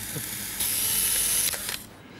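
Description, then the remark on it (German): A camera takes a souvenir photo during a TV show: a mechanical whirring buzz lasting about a second, followed by a couple of quick shutter clicks, with no one speaking. “ich mache ja Erinnerungsfotos in der Sendung, auch von uns natürlich.”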